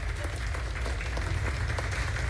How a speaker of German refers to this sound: Und jetzt Ihren Applaus für Miss Kaplan.